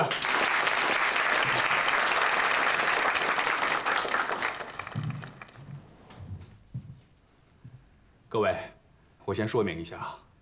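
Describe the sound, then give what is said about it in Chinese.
A squadron group bursts into steady, dense applause for about five seconds, then the clapping fades out and a few short spoken phrases follow. “大家鼓掌！”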